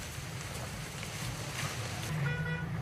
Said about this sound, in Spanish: Dirán ustedes, ¿qué es? ¿Es lluvia? No, es fuego, son llamas.